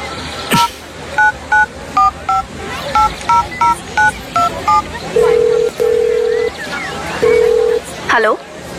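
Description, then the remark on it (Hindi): A quick run of about a dozen dual-pitch keypad beeps as a phone number is dialed, followed by several longer, steady ringing tones on the line, all clear. “तुम उन्हें फोन तो लगाओ, जो भी तुम्हारे मन में है अपने आप बोल दोगे।”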